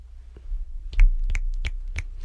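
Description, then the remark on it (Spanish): Several sharp finger snaps made in place of applause after a poem is read, in a loose, uneven rhythm, bright crisp clicks over a low background rumble, with no voices. “Los aplausos se escuchan muy fuerte y estridentes en el micrófono, por eso chasqueo los dedos.”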